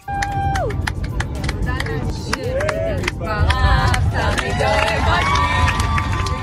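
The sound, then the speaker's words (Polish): Passengers of a Dubai–Tel Aviv flight cheer and whistle with scattered clapping after finally landing in the evening at Tel Aviv airport on a replacement Fly Dubai plane, a lively mix of shouts and excited voices at steady, loud volume. “Pasażerowie klaskali i wiwatowali po tym, jak wieczorem ostatecznie wylądowali na lotnisku w Tel Awiwie.”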